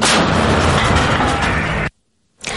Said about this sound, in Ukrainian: Постріл!